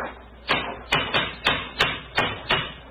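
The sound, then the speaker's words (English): A cane knocks against the stone parapet of a bridge: seven sharp, hard raps in a fairly steady rhythm, each one crisp and bright, with no voices over them. “It's a hard knock.”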